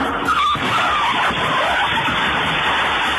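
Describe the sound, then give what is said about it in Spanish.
A car crashes into a café in New York in an accident involving two cars, one driving the wrong way: loud skidding and scraping that builds into a dense, rough roar with a heavier jolt early on. No one speaks. “Choca contra una cafetería.”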